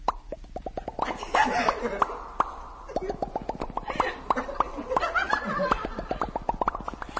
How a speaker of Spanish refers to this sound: Del techo caen gotas de agua.